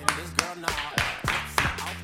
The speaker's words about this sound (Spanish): Aplausos tímidos.